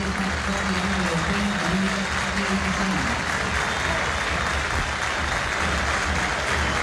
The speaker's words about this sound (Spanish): Algunos aplausos, decía. Manos arriba pidiendo algo de disculpa.